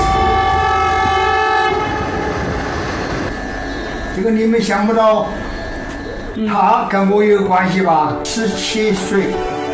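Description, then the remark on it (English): A loud, sustained train whistle blares for several seconds with a rich, layered tone, marking the 1952 opening of the railway linking Chengdu and Chongqing, China. It fades under rail rumble as voices begin talking over the rest. “And finally, in 1952, with the sound of a train whistle, Chengdu and Chongqing achieved a new level of connectivity.”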